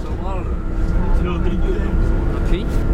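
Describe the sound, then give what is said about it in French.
Steady low engine rumble and road noise inside a moving bus leaving the Bonnefond agricultural high school for Vieille-Brioude, France, with indistinct passenger voices murmuring in the background and a faint constant whine over the drone. “Bon, alors là, nous quittons le lycée Bonnefond, on est dans le bus et on part pour Vieille-Brioude pour voir un couple de maraîchers.”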